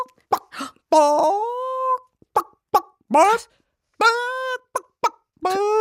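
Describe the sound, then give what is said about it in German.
A person imitates a chicken with their voice as a so-called courage scream, alternating short, sharp clucks with longer, drawn-out squawking calls in a repeating pattern. Fairly loud, with no other sounds. “Das ist ein Huhn.”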